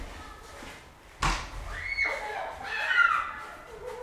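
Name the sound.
snowball fight with screams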